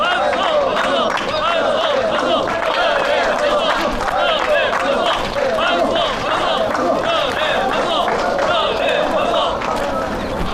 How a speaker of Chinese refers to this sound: 鼓掌。